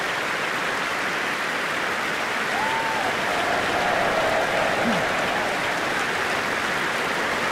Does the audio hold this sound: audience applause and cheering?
yes